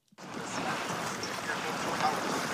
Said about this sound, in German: Hier am Ufer, am Rande der ostchinesischen Stadt Changzhou, rauschen die gewaltigen bräunlichen Wassermassen des Yangtze entlang. Der größte Fluss Asiens fließt an dieser Stelle unter der längsten Schrägseilbrücke der Welt hindurch.